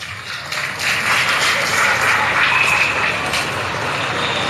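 Students break into dense, steady applause for President Evo Morales, swelling in after a brief moment and holding at an even, loud level for several seconds, with no voices over it.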